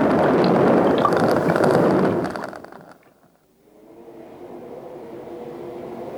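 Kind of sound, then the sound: sound effect, volcano erupting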